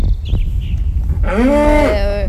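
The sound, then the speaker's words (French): A single loud, drawn-out moo from an adult cow rises and falls for about a second, following a stretch of low rumbling background noise with a faint chirp. “C'est quand même des vaches adultes.”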